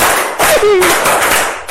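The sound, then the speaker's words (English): A group bursts into steady applause, many hands clapping at once in a dense, continuous patter, with a brief voice rising over the noise partway through. “Clap for him.”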